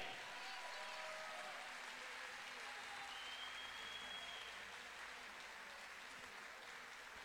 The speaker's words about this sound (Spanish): Un fuerte aplauso para Bafoart de Tomé.